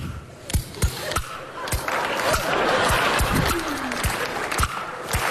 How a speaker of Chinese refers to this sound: 看我的，我一打板，观众报以热烈的掌声。